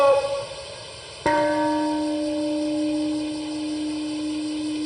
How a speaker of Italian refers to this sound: Alle 8:15 locali, 1:15 in Italia, con il suono della campana della pace, Hiroshima ha osservato un minuto di silenzio.